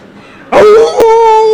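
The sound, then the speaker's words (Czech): A man's voice imitates a jackal howl: one loud, sustained wavering wail that swoops upward and then holds a steady, fairly high pitch, broken by a brief click partway through. “Soudruh zavil správně, jako šakal.”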